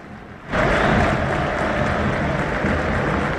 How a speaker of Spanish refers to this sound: Bueno, lo aplaude a Belgrano y está muy bien. Escucha.